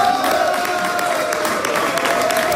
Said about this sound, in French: C'est sous les acclamations de ses partisans que Diane Dallaire a célébré sa victoire.